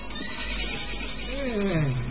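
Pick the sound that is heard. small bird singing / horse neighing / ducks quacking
horse neighing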